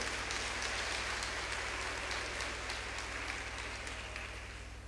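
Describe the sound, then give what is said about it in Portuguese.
An audience claps steadily for several seconds for those celebrating birthdays, a dense wash of overlapping hand claps with a faint low hum beneath, fading slightly toward the end. “Aos nossos aniversariantes, uma salva de palmas.”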